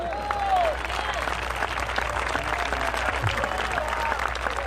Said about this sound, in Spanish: Un aplausito se oye por allá.